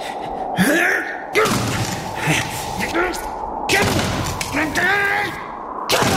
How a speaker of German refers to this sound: Du musst die Tür einrennen, Papa. Vielleicht braucht Franka Hilfe.